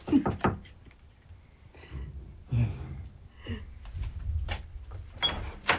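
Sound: knocking on a door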